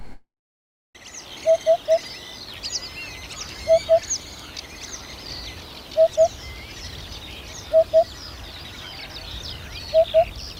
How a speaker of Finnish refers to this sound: Nyt viikon luontoäänen harjalinnun, siis alkavan viikon luontoäänen harjalinnun esittelee